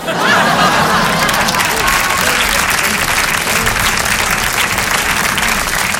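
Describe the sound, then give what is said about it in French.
Steady, loud audience applause for a performance fills the whole stretch, dense clapping from a sizable crowd with a few faint cheers or laughs mixed in, sustained without a break. “Merci d'applaudir la performance, merci.”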